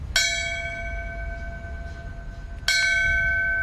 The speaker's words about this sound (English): A bell ringing in Falmouth that signifies the end of a firefighter's duty. That ceremony was before a crowd of local officials, scouts, and firefighters dressed in uniform who had gathered at the Main Street station in Falmouth.